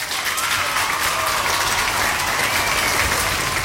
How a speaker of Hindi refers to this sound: तो आपके लिए बजेंगी यहाँ पे तालियां.